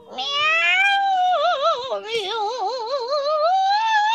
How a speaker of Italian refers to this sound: Chi è? E che è questo? Un'invasione. Un'invasione di gatti.